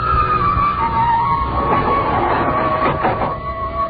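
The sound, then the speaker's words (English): An elevator car rising with agonizing slowness, a loud mechanical rumble with a sustained whining hum running the whole time and some faint rattles, no voices. “Peering at me furtively as the elevator moved upward with agonizing slowness.”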